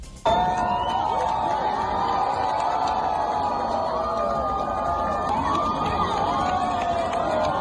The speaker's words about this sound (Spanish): Estos eran los gritos de emoción de las cientos de personas que observaron el eclipse total desde el puente de piedra de Zaragoza.